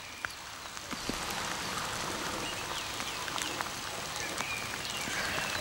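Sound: heavy rain falling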